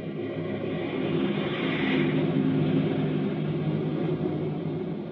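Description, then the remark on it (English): A steady, loud drone of a fleet of propeller airplanes flying overhead in battle formation during a monument dedication to Admiral William Harrington, a thick rumbling roar with a layered hum that swells slightly in the middle and holds without pause. “Far overhead, a fleet of airplanes soars in battle formation, a jagged spearhead against the fleecy clouds.”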